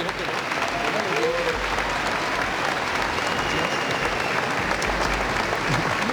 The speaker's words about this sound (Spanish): un aplauso.